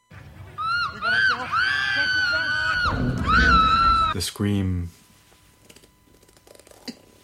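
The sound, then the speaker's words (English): Loud, sustained human screaming, high-pitched and strained, lasting several seconds with wavering pitch, ending in a short harsher cry before fading into near silence. “The scream.”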